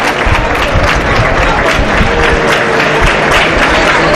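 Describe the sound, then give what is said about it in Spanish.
A large crowd in the Plaza de toros de la Merced bullring in Huelva claps steadily, dense overlapping applause sustained at a constant loud level, with a faint murmur of voices mixed in, as Carlos Tirado salutes from the tercio. “Palmas por Huelva. En la plaza de toros de la Merced.”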